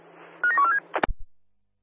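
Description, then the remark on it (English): A rapid run of about five telephone keypad beeps, fairly clear, as someone dials a phone call, followed by a brief clunk and then silence. “you're giving Oscar 1 a phone call.”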